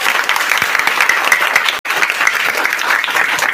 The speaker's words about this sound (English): I say a round of applause for them.